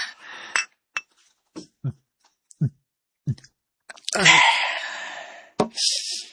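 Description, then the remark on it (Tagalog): Several sharp, ringing clinks of wine glasses touched together in a toast, followed by a short burst of rustling noise and another clink near the end. “Cheers!”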